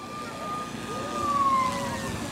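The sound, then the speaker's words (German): A faint German two-tone emergency siren (Martinshorn) plays quietly from a drone's speaker, its wailing tone holding steady and then dipping slightly, heard alone over a soft background hiss. “Ah, ganz leise, okay. Das Martinshorn.”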